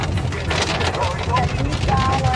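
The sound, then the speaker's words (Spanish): Heavy rain pours down in Labranza in a steady, dense hiss with a low rumbling undertone, while indistinct voices talk beneath the downpour. “¿Se dieron cuenta de que estaba lloviendo de verdad y bien fuerte?”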